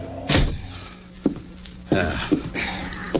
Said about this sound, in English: kick the door shut.